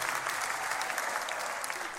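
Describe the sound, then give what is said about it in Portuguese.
Steady, dense applause from a show audience clapping to call the performer back, a continuous crackle of many hands clapping at an even loudness for the whole two seconds, with no voices over it. “Então é fácil, vocês batem palmas e eu volto.”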